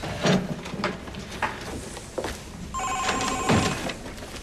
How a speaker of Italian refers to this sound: Il telefono.